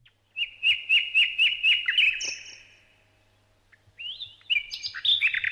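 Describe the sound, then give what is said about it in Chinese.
A nightingale sings clear: a quick run of about eight repeated piping notes, a short pause, then a richer, varied phrase of whistles and trills. No voices are heard. “哎呀，讲完这个故事，我本来想把鹳鸟嘚嘚嘚的声音找来给你们听听，后来一想，也许你会听了心烦的，那我们还是来听听夜莺唱的歌吧。”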